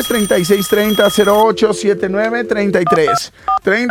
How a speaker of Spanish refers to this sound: Líneas telefónicas timbrando